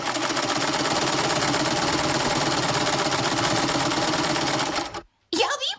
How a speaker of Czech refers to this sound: Je to šicí stroj. A kdo ho potřebuje k práci? No přece krejčí a švadlenky.